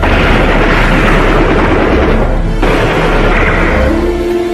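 gunfire exchange

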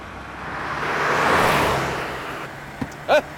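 car driving fast

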